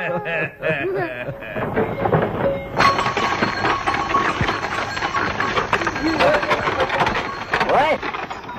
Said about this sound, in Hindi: चलो चलो चलो, उतरो बच्चों जल्दी करो, गाड़ी आने ही वाली है।